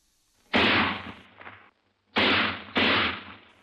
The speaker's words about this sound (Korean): 땅, 땅, 땅. 련발로 울리는 세 방의 총소리